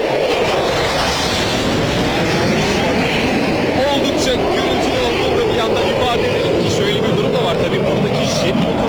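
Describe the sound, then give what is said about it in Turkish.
A loud, steady roar of fighter jet engines fills the whole stretch as a jet passes low and close during an aerobatic display rehearsal over Yenikapı Square, with thousands of spectators present and a faint voice barely audible beneath the noise. “Çünkü bu jet motorları bu kadar yakından geçmesi aynı zamanda bir pilot becerisidir.”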